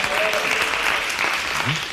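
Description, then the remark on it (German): An audience claps steadily throughout, voting by applause for jogging without a shirt, a dense, continuous wash of applause at a fairly loud level, with a faint voice and a brief tonal sweep near the end. “Ist es für euch Joggen ohne Shirt, dann applaudiert jetzt.”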